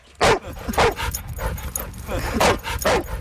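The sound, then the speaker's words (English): Dogs barking outdoors at the Marymore Off-Leash Dog Park: four sharp, loud barks come in two spaced pairs over a steady background murmur with faint yips and whimpers. “Just 2 miles south of the abandoned heron rookery is the Marymore Off-Leash Dog Park.”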